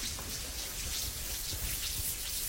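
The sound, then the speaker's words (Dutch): Hands tapping on legs mimic rainfall, a dense, steady patter of quick soft taps with a hissy, shower-like texture and no voices. “Met onze handen op de benen tikken. Nu daalt de bui.”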